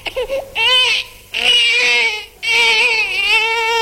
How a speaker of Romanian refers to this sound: Vezi că s-a trezit ăla micu, fă-i ceva că plânge.